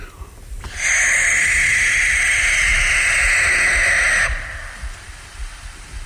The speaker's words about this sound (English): If you didn't tell me that was a barn owl, I would think you were just playing me the soundtrack from Nightmare on Elm Street. Yeah. I thought owls just went, hoo-hoo